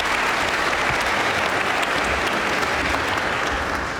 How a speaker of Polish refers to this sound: Dla mistrz i uczennica. Wielkie brawa. Brawo.